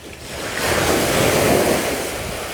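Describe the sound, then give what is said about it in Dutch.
Surf breaking on a white beach in the bay of Han on a sunny day as people walk through it, a broad rushing wash of water that swells and holds steady for a few seconds, fairly loud, with some wind noise on the microphone. “We lopen door de branding”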